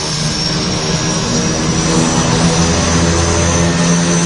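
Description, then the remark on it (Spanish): Aircraft engines roar steadily and loudly in flight, many feet above the ground, a dense droning wall of noise with a humming propeller-like pitch underneath, continuous with no voices. “Y todo a un montón de pies del suelo y con el sonido de los motores de fondo.”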